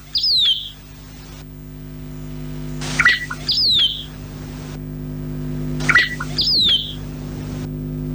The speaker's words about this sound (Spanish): Vamos a escuchar el canto del Juan Soldado.